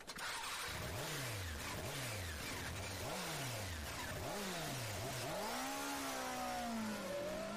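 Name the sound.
motorcycle engine revving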